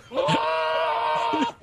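A single long, wavering bleat from a show goat, loud, held for over a second before cutting off, with a brief noise just after.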